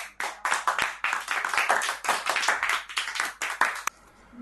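A group of children clap together for a fellow child for about four seconds, a dense run of sharp, slightly uneven hand claps that stops abruptly, leaving quiet.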